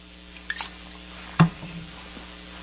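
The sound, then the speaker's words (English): A swallow of Trader Joe's sparkling water while taking four Relief Factor pills: a couple of faint wet clicks, then one distinct gulp, with no talking. “That easy to swallow. And all I need is a little bit of Trader Joe's sparkling water.”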